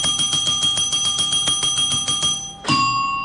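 A hand-pressed bell, pressed to call animals, rings rapidly and repeatedly, bright metallic dings tumbling over one another, then one final strike rings out and sustains as it fades. Loud, no voices.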